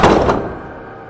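A door is shut by someone reaching into a room, a solid thunk, a quick double impact as it meets the frame, then a short fading resonance. No voices.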